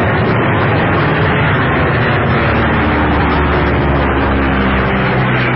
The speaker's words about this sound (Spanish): La tormenta estaba desatada en toda su fuerza. La pequeña avioneta se perdía entre aquel mundo de viento y lluvia huracanada. Y los reflejos de los relámpagos encendían de blanco los nubarrones.